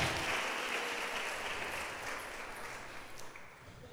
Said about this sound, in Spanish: Démosle un aplauso al Señor, Dios de los cielos.